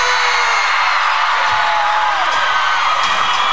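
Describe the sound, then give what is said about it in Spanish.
A large concert crowd shouts and cheers for an encore in a loud, continuous roar that holds steady throughout, with a few high whistles and whoops rising above the din. “Que se oiga el grito para recibir otra vez a”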